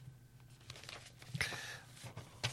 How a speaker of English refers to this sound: Sorry, piece of paper got tangled up there.